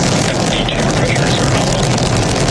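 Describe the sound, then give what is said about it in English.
A loud, continuous roar of a Falcon rocket's first-stage engines at liftoff at maximum thrust of 1.7 million pounds, launching a crewed Dragon spacecraft to the International Space Station; a dense crackling rumble that fills the whole clip without letting up, overpowering. “engines on the first stage at maximum thrust of 1.7 million pounds.”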